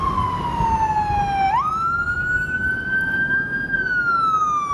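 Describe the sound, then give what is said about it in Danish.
A loud emergency vehicle siren wails steadily, its pitch sliding down, jumping up, then gliding slowly, over a low rumble of traffic or engine noise, at a police shooting incident in a small town north of Aalborg, Denmark, with ambulances, a doctor's car and police cars present. “Ambulancer, lægebil, politibiler. Der er enormt meget politi, som render rundt her”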